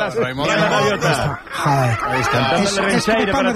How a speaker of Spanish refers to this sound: Para mí es un himno. Escuchar los gaviotas es un himno para mí.